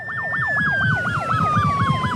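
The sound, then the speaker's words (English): The siren of a fully electric fire truck in Victoria yelps rapidly and loudly, its pitch swooping up and down about four times a second, over a steady falling whine and low rumble. “Some of the sounds of this fire truck are very familiar, others are not.”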